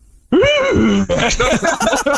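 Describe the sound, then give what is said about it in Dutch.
A person loudly imitates an elephant with a rising and falling trumpeting groan, followed by a stretch of animated, overlapping vocal noises. “Ja, dat is een olifant en een krat bier of zo.”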